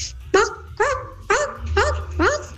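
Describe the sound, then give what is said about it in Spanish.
A dog barks five times in a quick, steady series, each bark sharp, over a low rumbling background noise. “Esa gallina con perro, ¿no?”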